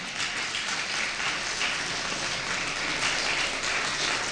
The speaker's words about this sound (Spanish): Dale un fuerte aplauso, amén.